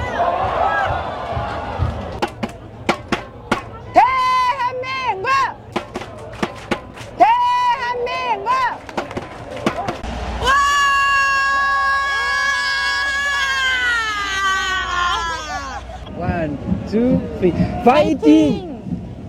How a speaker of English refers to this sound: Well, usually we bring you voices. That was mainly screaming, but it gives us a sense of the passion, I guess, and the global impact of the game as well. French fans of South Korea in Seoul.